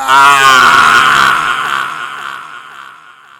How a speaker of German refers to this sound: Er hielt den sich sträubenden Mann fest, als die Fackel dessen Gesicht verbrannte. Der schmerzerfüllte Schrei weckte mich.